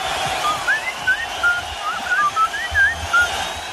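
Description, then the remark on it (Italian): A person whistles a short, lilting melody of about a dozen sliding notes, moderately loud, over a steady hiss of background noise with no talking. “in questo caso era proprio lui, …, che fischiettava”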